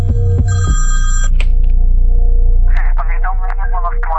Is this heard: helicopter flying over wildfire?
no